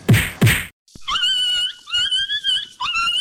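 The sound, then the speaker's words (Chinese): Two sharp, loud whacks land in quick succession as a dog is being beaten, then after a brief silence the dog whimpers and yelps in drawn-out, high-pitched cries that waver and break off repeatedly. “哎呦，你这是要把狗啊打死哦？”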